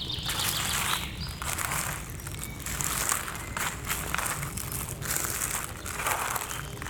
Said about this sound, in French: Je vous propose de découvrir les paysages sonores du Piémont pyrénéen. Ici, en ce début de printemps. Florilège des oiseaux qui gazouillent.